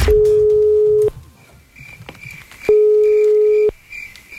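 A telephone ringback tone sounds twice, each a steady one-second buzz separated by a pause, loud, with faint background noise between rings; the called radio-contest participant does not answer.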